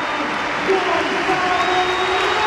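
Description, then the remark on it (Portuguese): A stadium crowd in the stands at Alvalade rises to applaud captain Cristiano Ronaldo as he is substituted off, a steady, dense wash of clapping and cheering, loud and unbroken, with a few thin whistle-like tones riding over the roar. “A saída de Cristiano Ronaldo, vamos escutar as bancadas de Alvalade que se levantam para aplaudir o capitão”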